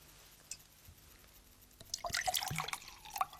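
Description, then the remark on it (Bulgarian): Water is poured into a glass: a faint click, a brief pause, then about a second and a half of bright, splashy trickling that fades out. No one speaks. “Може ли чаша вода?”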